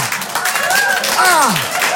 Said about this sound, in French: Ils applaudissent ça, les fous.